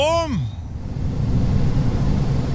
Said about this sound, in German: So, jetzt gibt es natürlich genug Leute, die haben gar keine Klimaanlage, außer im Auto. Da ist sie ein bisschen lauter, da klingt sie dann so.